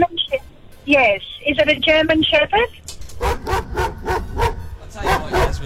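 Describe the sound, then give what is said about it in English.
A dog barks in a rapid, steady string of sharp yaps over a thin phone line during a caller's radio call, preceded by high, wavering yelps; the barking is loud. “what's that dog?”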